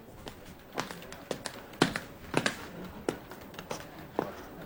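Irregular tapping and knocking as someone fiddles with a broken desk drawer: about a dozen sharp hits of varying loudness, with a faint background hiss and no voices.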